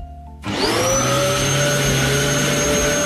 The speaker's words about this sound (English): Got it. Do you know what that is? Yeah, it's a vacuum. Thank you.